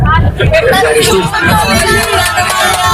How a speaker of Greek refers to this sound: Να σας δώσω και ένα μήνυμα τα παιδιά τα οποία είναι εδώ στο λεωφορείο. Να πούνε όλα μαζί.